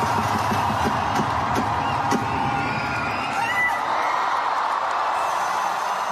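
Thousands of fans cheer loudly and without pause at the opening night of the Dream Girl India concert tour in New Delhi as the singer introduces her fiancé, a dense roar of many voices with scattered high shrieks and whoops rising out of it for about six seconds.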